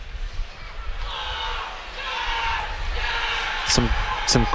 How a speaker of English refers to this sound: Crowd members cheering very loud. Picked it up on our crowd mic, I believe.